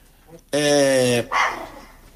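A female dog barks indoors: one loud, drawn-out bark followed by a shorter second one, with quiet room sound before and after.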